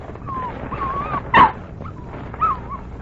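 A dog named Pancho whimpers with thin, high whines while waiting to be given meat, letting out a sharp yip near the middle, then another brief yelp, over a low background rumble.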